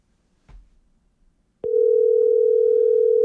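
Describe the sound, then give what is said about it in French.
A soft click, then a steady electronic telephone ringback tone starts and holds unbroken to the end, clear as if heard through a handset. The call rings but nobody answers at the other end. “C'est juste à l'autre bout, ça répond pas.”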